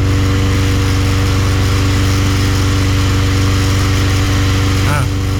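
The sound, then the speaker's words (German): A petrol lawn mower engine runs loud and steady from start to finish, a throaty drone with a constant rhythmic chug, shifting slightly near the end. “Gunnars Rasenmäher. Aber hört selbst.”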